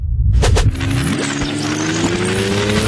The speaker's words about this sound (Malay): Tunggu hingga bas pergi.